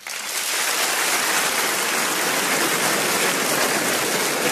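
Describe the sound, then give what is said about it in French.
An audience breaks into dense, steady applause in answer to a question about who among them is obsessively tidy; it starts abruptly and holds at an even, fairly loud level for several seconds, with no voices over it. “Par applaudissement, d'ailleurs, qui ici est plutôt maniaque ?”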